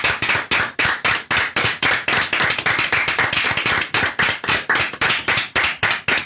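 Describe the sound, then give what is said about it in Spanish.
An audience, asked to stand, applauds loudly and steadily, the clapping falling into a fast, even rhythm of sharp claps, thickening into a denser wash midway before returning to the beat. No one speaks. “Y un aplauso, por favor. Sí, aplausos.”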